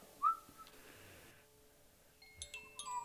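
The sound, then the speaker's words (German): A whistled bird call: a sharp, rising chirp at the start, then softer held tones and a quick cluster of high, twittering notes near the end, fairly quiet and with no talking. “Aber es war nur ein Vogel.”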